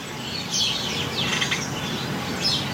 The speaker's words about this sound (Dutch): En hier hebben we weer een geluid ingezonden vanuit Friesland. Jacqueline Noordman uit Indijk hoort tientallen mussen in de heggen en beukenhagen rond haar huis.